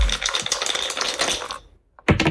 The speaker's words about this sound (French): Allez, je lance les dés.